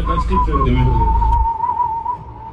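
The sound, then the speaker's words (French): A clear whistled melody of a guitar solo, whistled so a guitarist could replay it on guitar for an album, carries a bright, wavering line over low background talk that fades after about a second and a half, leaving the whistle alone. “… sifflait ses solos pour que Issouf puisse le rejouer ensuite à la guitare”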